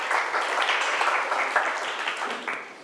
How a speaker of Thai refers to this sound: ถูกต้องปรบมือเพื่อนค่ะ